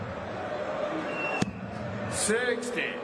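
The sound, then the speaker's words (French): Luke Humphries' darts land in a dartboard around the triple 20 at the start of the night-six final of the Premier League darts in Nottingham against Johnny Clayton: one sharp thud, followed by a couple of softer hits, over a steady murmur of crowd noise and indistinct voices. “C'est des flèches qui sont toutes collées au triple 20.”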